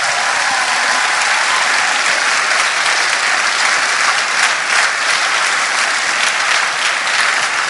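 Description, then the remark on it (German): Sustained applause from an audience for the Pfingstband and the first worship set, a dense wash of many hands clapping at steady loudness for several seconds with no voices standing out. “Vielen Dank da an die Pfingstband und ich glaube, wir können jetzt für den ersten Lobpreis schon mal einen großen Applaus da auch nochmal geben.”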